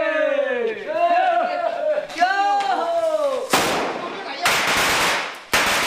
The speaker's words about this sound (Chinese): 鞭炮与呼号声划破了夜空，房子的第一道排扇立起来了。